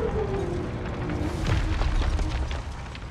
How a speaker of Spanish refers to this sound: Una nave espacial vuela a través de la neblina. Desciende hacia la árida superficie de Yautja Prime, donde aterriza.